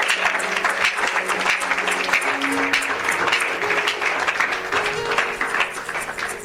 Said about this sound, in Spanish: Si puede, dele aplauso, señal de agradecimiento.